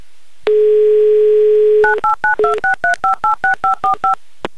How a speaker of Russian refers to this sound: Сейчас я буду набирать ваш номер.